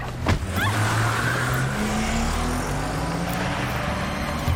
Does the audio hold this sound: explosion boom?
no